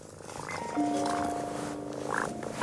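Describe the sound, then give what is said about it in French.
A cat purrs steadily in a house, a continuous rumbling vibration with a faint tonal hum over it, lasting the whole moment without pause. “Le chat fait.”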